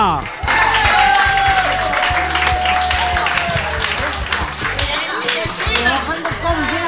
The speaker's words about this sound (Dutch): Dames en heren, mag ik vragen om hem een warm welkom te geven en een stevig applaus, want hier is hij,